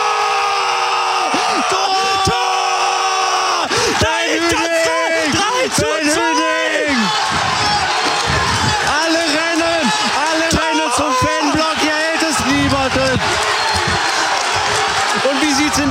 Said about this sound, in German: Und hier jubeln alle Essener. Pyrotechnik im Essener Block. Die Spieler sind bei den Fans. Alle, die gesamte Bank. Hier hält es niemanden mehr.